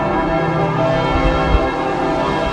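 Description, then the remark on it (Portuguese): Church bells of Paris ring continuously in a loud, dense wash of overlapping tones, several bells pealing together, with no pauses or voices. They ring for seven minutes at 9:58 as Pope Leo XIV lands in Paris. “Às 9h58, quando o Papa Leão XIV aterrou em Paris, tal como anunciado, os sinos da capital tocaram durante 7 minutos.”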